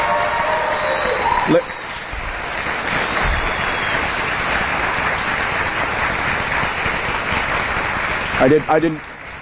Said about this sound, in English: I didn't want to step on your applause. I didn't want to step on your applause, but ladies and gentlemen, as we wrap, I'd like to take a moment to share some closing thoughts.